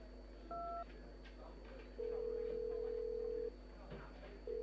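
phone call ringing

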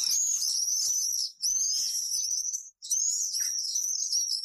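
common swift calls

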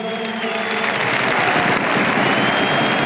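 stadium crowd applause

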